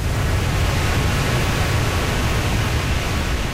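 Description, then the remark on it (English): A steady, loud roar of rushing water from the fully open spillway of the Gardner Dam, letting water downstream, dense and unbroken throughout with a deep rumbling low end and no voices. “The Gardner Dam spillway is fully open and letting water downstream.”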